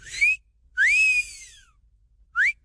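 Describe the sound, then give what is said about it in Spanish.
A person whistles three times, flirtatious wolf-whistle style: a short rising note, a longer sweeping note that rises then glides down, and a final quick upward chirp, clear, with nobody speaking. “Ah, bueno, pues ya dijo el chiflidito para sus nenorras,”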